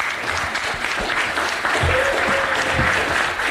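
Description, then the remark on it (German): An audience applauds a speaker introduced to talk about Benin, a dense wash of many hands clapping at an even, loud level that swells slightly toward the end, with faint voices mixed in. “Applaus.”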